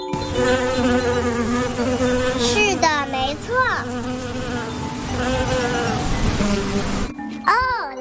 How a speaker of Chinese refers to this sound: 知道了，是蜜蜂，是蜜蜂飞舞的声音，嗡嗡嗡嗡嗡嗡，小蜜蜂采蜜了，嗡嗡嗡嗡嗡嗡，哈哈，太好玩了。